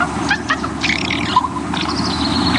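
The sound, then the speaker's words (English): Soft, murmuring bird calls from a raven nestling, a gentle comfort sound with a few brief higher chirps, over a steady low rumble of background noise. “Raven nestlings sometimes make this same sound after they've been fed.”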